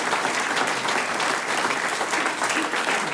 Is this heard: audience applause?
yes